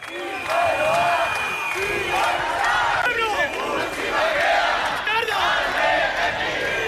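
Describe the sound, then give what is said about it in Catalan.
About 2,000 protesters marching through the streets of central Bilbao shout chants in unison, many voices rising and falling together in a loud, continuous roar with rhythmic, repeated vocal bursts throughout. “Són els crits que avui han fet unes 2.000 persones, segons dades de la Policia Municipal de Bilbao, que s'han manifestat pels carrers del centre de la ciutat per denunciar l'actuació de l'Ertzaintza ahir”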